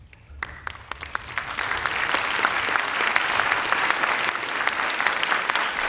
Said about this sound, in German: Warum denn Klatschen? Etwa, weil die klassische Musik von den Kürzungen im Kulturhaushalt weitestgehend verschont bleiben wird? Wohl kaum. Wahrscheinlich doch eher aus Verlegenheit, weil es so schwierig ist, über solche Themen zu sprechen.